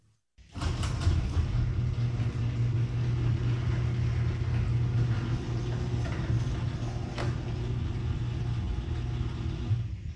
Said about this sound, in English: play what my garage door sounds like now with the 10 premium nylon rollers.